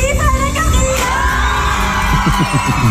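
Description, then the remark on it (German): A dense, loud crowd shouts and cheers at once at the election of the apple queen, many excited voices overlapping in a continuous roar with a low rumbling thump underneath, steady throughout with no single voice standing out. “Hat irgendjemand vor lauter Geschrei irgendetwas verstanden?”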